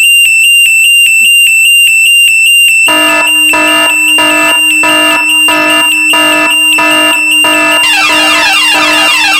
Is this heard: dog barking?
no